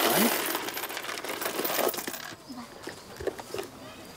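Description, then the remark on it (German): A dense clatter of coins pours out and jingles for about two seconds as the coins are shaken out of a container to count the takings. A few scattered metallic clinks follow as the last pieces settle, with faint voice sounds in between. “Dann machen wir jetzt mal einen Kassensturz, was drin ist. Schütteln das mal alles hier raus.”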